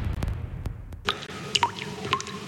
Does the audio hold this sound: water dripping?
yes